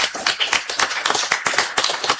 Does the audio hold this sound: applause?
yes